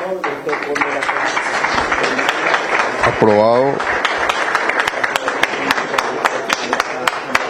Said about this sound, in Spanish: Aplausos por parte de los socios.